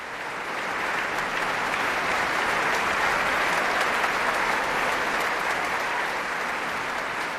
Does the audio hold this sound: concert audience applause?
yes